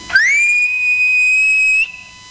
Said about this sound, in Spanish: Ya iba a saltar el alambrado limpito cuando sintió un silbido como de ánima, ¿no?